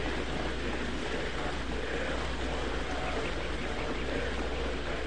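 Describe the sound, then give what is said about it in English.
Steady rain falling, a dense, even hiss of countless drops that holds at a constant level throughout, with a low rumble underneath and no pauses or distinct individual impacts. “Listen to my voice as you listen to the sound of the rain.”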